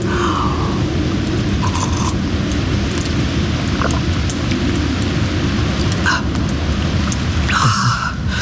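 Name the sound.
approaching thunderstorm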